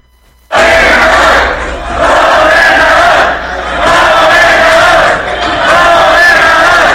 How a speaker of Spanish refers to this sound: Ahí cuando entró, que lo presentaron, empezaron a gritarle, ¿no? Gobernador, gobernador, ahí aquí en un evento, centro de convenciones aquí que está rumbo al aeropuerto aquí en Hermosillo. Esto fue ayer, ¿no?